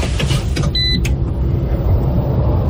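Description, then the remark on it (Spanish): A new Citroën hybrid SUV drives along with a steady, low road rumble, broken early on by a brief high electronic chirp and a soft click; no one speaks. “¿Escuchas eso? Exacto, así suena el futuro. Llegó la nueva SUV híbrida de Citroën a Comagro Chía.”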